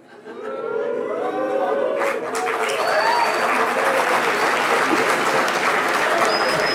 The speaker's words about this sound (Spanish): Bueno, ¿hay algún chiflido, algún aplauso? No entiendo bien si los chiflidos es como silbando al periodismo.